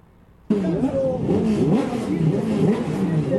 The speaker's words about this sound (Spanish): Ruido de motores, de altavoces, se viene la clasificación del Turismo Carretera.